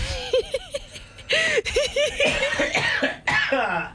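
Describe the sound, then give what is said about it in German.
A man coughs repeatedly, a series of loud, raspy bursts in quick succession with brief pauses, heavy and congested, continuing for several seconds. “Er hustet euch gleich was vor.”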